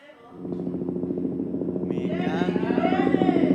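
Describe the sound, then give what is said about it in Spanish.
A helicopter's rotor chops in a fast, steady thudding rhythm that grows louder, and a higher whining tone joins in partway through, as if the aircraft is passing overhead. “Nosotros también tenemos un helicóptero, ¿qué os pensáis? Mucho más potente que el vuestro.”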